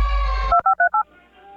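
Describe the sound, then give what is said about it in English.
Four quick telephone keypad tones beep in a steady, evenly spaced run, following a brief buzzy line tone, then fade into faint hiss, introducing a message from the CKDU 88.1 FM feedback line. Clear, with no talking. “And now, a message from the CKDU feedback line.”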